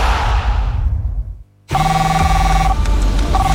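A loud burst of rushing noise fades and cuts to a brief silence, then a cell phone rings with steady, sustained electronic tones that shift pitch partway through.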